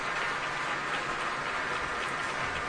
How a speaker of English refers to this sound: And the applause is continuing at Powell Hall, and I'm sure Yefim Bronfman is going to have to come out at least one more time.